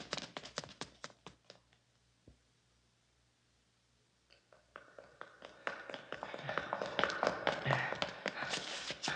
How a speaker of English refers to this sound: They're coming up the steps.